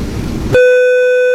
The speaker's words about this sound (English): You guys can hear the beep. This is the redacted classified information that cannot be released by the media and by the Oversight Project